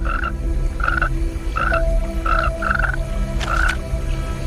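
A large tree frog in a forest gives six short, evenly spaced croaks, each a brief nasal burst around the same mid pitch, over a steady low hum of background noise with no voices.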